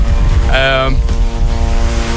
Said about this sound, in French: Un drone israélien bourdonne dans le ciel de Beyrouth